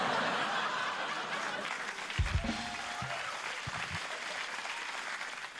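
A crowd at a live comedy performance claps steadily after a joke in dense, continuous applause, with a few low thumps and scattered laughter mixed in; no one speaks over it.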